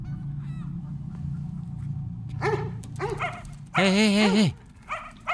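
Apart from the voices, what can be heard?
dog barking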